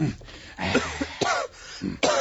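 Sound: coughing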